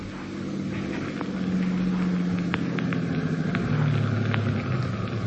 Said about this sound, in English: Wait in the darkness for the car coming down the road from the house.